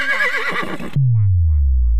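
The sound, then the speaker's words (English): A horse neighs loudly, a shrill, quavering whinny lasting about a second, cut off abruptly by a deep, humming tone that slowly slides downward. “The horse is here.”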